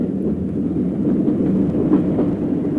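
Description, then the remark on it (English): A train slackens speed on its rails as it approaches Urala station, a dense, steady low roar with faint rhythmic clatter underneath, holding an even loudness throughout with no voices. “As the train slackened speed approaching Urala station, I braced myself, preparing to jerk the door open and jump out as the carriage came abreast of the platform.”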